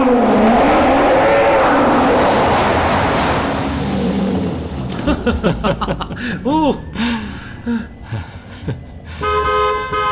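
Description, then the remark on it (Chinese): A loud car engine revs and roars for several seconds, full, then cuts off and is followed by short horn-like toots and excited voices. “你听这引擎声，听起来简直太给力了。”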